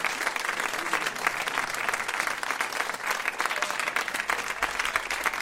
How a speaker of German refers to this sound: Applaus.